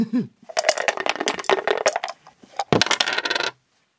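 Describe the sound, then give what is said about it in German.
Dice are rolled during a board game, rattling and clattering across a hard surface in a busy burst of sharp clicks lasting about three seconds, ending with a final tumble before silence; the roll comes up three. “So, Kater, ich bin dran. Ah. Würfeln?”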